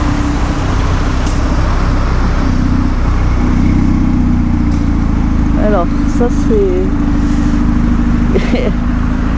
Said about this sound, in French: Je sais pas ce que c'est comme voiture mais elle a un bon pot d'échappement.